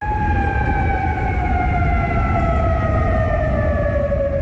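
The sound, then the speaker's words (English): Air raid sirens in the Persian Gulf region (Kuwait City, Qatar, Bahrain) blare continuously, warning residents to take shelter from Iranian missile fire, their steady wailing tones slowly falling in pitch over a heavy rumble of background noise, loud and unbroken throughout with no voices. “Those sirens heard across Kuwait City, Qatar, and Bahrain also warned residents to take shelter as they come under Iranian fire.”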